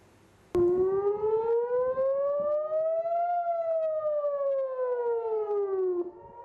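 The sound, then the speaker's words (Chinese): An air raid siren sounding in communities in northern Israel during cross-border fire from Lebanon wails steadily, its pitch slowly rising and then falling in one long loud sweep lasting about six seconds, with faint background noise and no voices. “以色列北部部分社区12日至13日早拉响防空警报，以空军称多次拦截从黎巴嫩越境进入以色列的敌对飞行物。”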